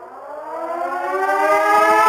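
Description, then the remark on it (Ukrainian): A loud air raid siren wails steadily, its harmonic tone slowly rising in pitch and growing louder over a couple of seconds, with no voices present. “Увага! Громадяни! Повітряна тривога!”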